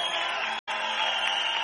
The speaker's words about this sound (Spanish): Aplauda fuerte a Cristo.